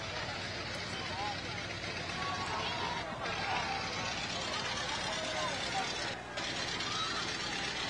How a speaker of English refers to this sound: All right. We have some old-time cars coming through.